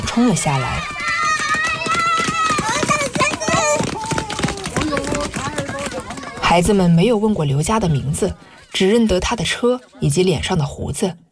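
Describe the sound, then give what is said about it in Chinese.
About ten children rush down a mountain hillside together as a car stops, their excited shouts and high voices overlapping loudly with the patter of running feet, continuous with brief pauses near the end, in a mountain area of Dahua Yao Autonomous County, Hechi, Guangxi, China. “车子刚刚停稳，十来个身影就从山坡上冲了下来。”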